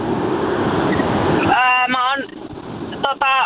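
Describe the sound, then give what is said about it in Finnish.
Loud, steady roar of road and wind noise inside a car at highway speed, heard over a narrow phone line; after a moment someone starts talking over the continuing rumble. “Pistäpä formula-autos vähän hiljemmalle, niin ei kohise niin paljon.”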